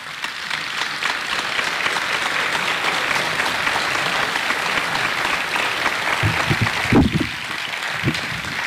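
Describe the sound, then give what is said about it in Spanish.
A crowd claps steadily and loudly for a guest about to be interviewed, a dense, continuous patter of many hands that holds an even level throughout, with a few brief voices surfacing near the end. “Voy a pedirle un fuerte aplauso.”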